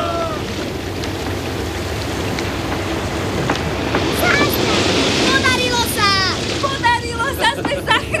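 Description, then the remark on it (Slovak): A loud, steady rush of oil gushing and spraying out of a well under pressure, continuous throughout, with excited voices shouting over it in the second half. “Olej! Teraz! Hurá! Hurá! Hurá!”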